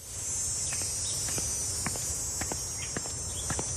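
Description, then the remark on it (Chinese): A steady, shrill drone of cicadas in the June midsummer fills the whole recording without a break, while soft, irregular footsteps or taps sound underneath. “蝉鸣漫过6月的盛夏”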